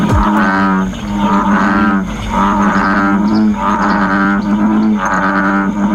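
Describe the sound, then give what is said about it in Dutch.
An American bullfrog gives a loud, deep lowing call, a droning, cow-like bellow repeated in steady pulses for several seconds, with a strong low hum and rough harmonics and no talking over it. “Er kwamen al klachten binnen over het harde, loeiende geluid van het dier.”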